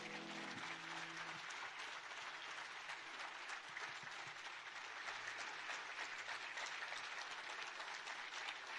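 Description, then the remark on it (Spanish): A crowd claps steadily and loudly for several seconds, a dense, sustained wash of many hands applauding with no talking over it. “Fuerte el aplauso a Jesús.”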